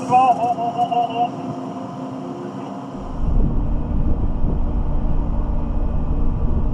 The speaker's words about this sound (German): Ausgerechnet jetzt kommt die Fähre im Nachbarterminal an.